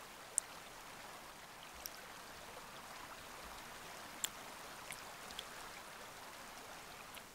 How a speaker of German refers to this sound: Viele Bäche und Rinnsale durchziehen die Insel Florisch im Westen der Azoren.